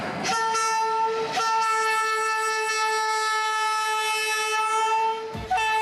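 A slow passenger train leaving Kars, Turkey, to cross eastern Anatolia toward Ankara sounds a long, steady horn that holds for several seconds, with a few brief clanks and rumbles from the rails breaking through near the start and end. No one speaks.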